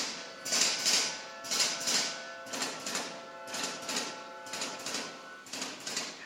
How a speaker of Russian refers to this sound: Ну вот это, по сути дела, финальная часть «Анны Карениной». Все, конечно, вы узнали звуки поезда. Прибытие поезда, да. Именно вот с найденного вот этого звука Родион Константинович Щедрин начал писать партитуру.